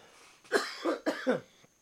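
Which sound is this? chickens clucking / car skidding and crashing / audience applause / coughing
coughing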